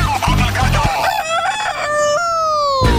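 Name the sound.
rooster crowing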